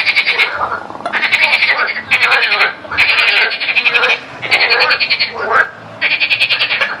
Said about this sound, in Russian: Вань, зачем нам лягушка?